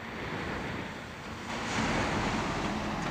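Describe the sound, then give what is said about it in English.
A truck on a test track drives through sudden water jets, producing a steady, loud hiss of rushing spray over a low rumble that swells and intensifies partway through. No one speaks. “The driver steers the truck through sudden water jets.”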